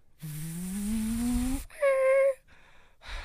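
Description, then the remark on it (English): A voice imitates a car pulling into the driveway after a long day, as a sound effect for a narrated scene: a low, buzzing engine drone that slowly rises in pitch for over a second, then a brief higher squealing tone, followed by soft breathy noise. “You pull into the driveway after a long day.”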